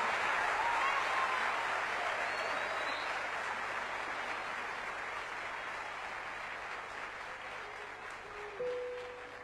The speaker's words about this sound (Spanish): aplauso también para ustedes. Gracias, público querido.